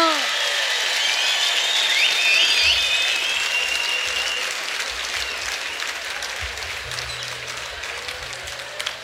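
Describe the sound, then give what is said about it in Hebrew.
Sustained audience applause as a singer is invited onto the stage, a dense wash of many hands clapping with bright whistles cutting through early on, gradually easing slightly in loudness toward the end. “לא מחאת מספיק כפיים, אז הוא לא בא.”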